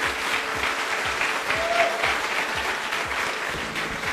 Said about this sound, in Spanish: Que escuchen fuerte los aplausos para ella, por favor.